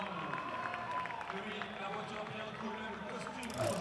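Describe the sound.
A large crowd cheers and claps for soapbox racers at the finish banner of a soapbox race, in a steady, loud wash of overlapping voices, with scattered shouts and a brief swell near the end.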